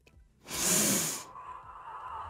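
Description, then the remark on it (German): A single loud, hissing breath from a woman during a relaxation exercise, a long harsh rush of air lasting under a second, followed by a quieter lingering background. “Schatz, warum atmet sie?”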